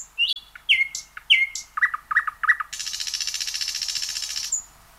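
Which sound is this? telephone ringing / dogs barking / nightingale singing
nightingale singing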